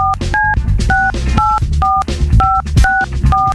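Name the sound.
telephone keypad dialing tones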